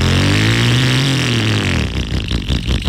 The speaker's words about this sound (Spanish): Es más, apaga esa moto. Porque te vas a ganar esta. Ya esa vieja, bótala.